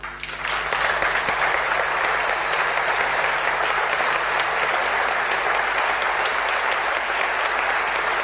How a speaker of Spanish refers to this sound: Aplausos.